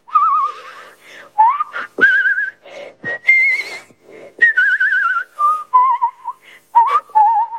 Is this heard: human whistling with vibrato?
yes